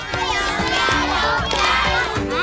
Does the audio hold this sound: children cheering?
yes